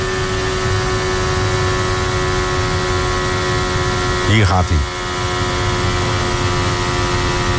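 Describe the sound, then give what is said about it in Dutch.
A Formula 1 car engine screams at a steady, high-pitched whine on the start-finish straight, its pitch holding flat as the car clips, with a brief whooshing pass-by sweep midway, while a man talks over it. “Het is wel klippen, want hij, je hoort hem. Hij blijft eigenlijk hangen.”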